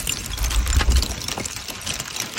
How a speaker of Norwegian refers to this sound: Hagl. Hagl? Hagl i fjellet. Nærmere bestemt, hagl på mange små og store skifersteiner som ligger strødd utover et stort område. Ja. Dette opptaket her gjort i de juliske alper. I Triglav nasjonalpark i Slovenia.